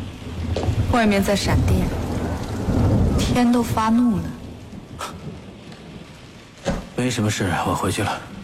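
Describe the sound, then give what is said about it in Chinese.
Steady heavy rain hisses throughout a thunderstorm with lightning outside, with deep rumbles of thunder rolling underneath while people speak over the downpour. “外面在闪电，天都发怒了。”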